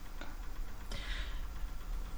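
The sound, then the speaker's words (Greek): A couple of faint clock ticks click through a steady background hiss, widely spaced and quiet, heard behind commentary on an Argentina versus Egypt football match, with no one speaking. “Και το ρολόι ακούγεται πίσω.”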